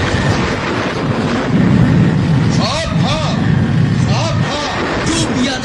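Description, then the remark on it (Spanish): A deep, continuous thunder rumble from a thunderstorm over a jungle, with lightning flashing under a sky of black clouds, rolls through the whole stretch, swelling loudest in the middle, while a voice briefly speaks over it. “los nativos miraron temerosos hacia el cielo cubierto de negros nubarrones, y el destello de los rayos hacía jirones las tinieblas.”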